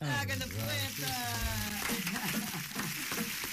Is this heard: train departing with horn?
no